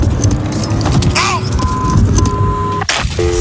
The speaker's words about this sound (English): Oh, this is starting my car up.